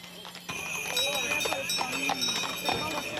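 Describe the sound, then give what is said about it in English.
Horse hooves clip-clop in a steady, fairly quick rhythm, with indistinct voices and a constant high-pitched hum in the background, from pilgrims on horseback in a procession from Zlatar Bistrica to the Shrine of Our Lady in Marija Bistrica. “Some pilgrims made the entire journey on horseback or in horse-drawn carriages.”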